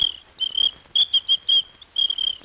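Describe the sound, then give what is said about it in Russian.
A small, thin high-pitched ladies' whistle, used for women who break street traffic rules, blown in a quick series of short trilling toots, several sharp bursts with brief gaps, clear with no talking. “У мене для неї був дамський свисточок.”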